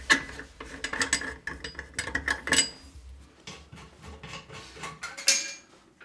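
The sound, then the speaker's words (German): Plastic sink siphon pipe fittings being unscrewed by hand, without a pipe wrench, with a bucket underneath: a run of small clicks, scrapes and knocks, some rattly, with a sharper clatter near the end and no talking. “Dann verlöst man die Verschraubungen.”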